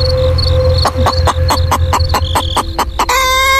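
A speckled hen squawks loudly in a farmyard in a rapid series of sharp, repeated cackles, over a steady background of insect-like buzzing and other farmyard chatter.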